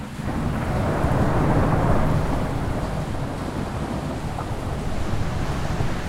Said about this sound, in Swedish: Brungrått vatten forsar fram över gatorna i Vega Baja och hela tak flyger av husen.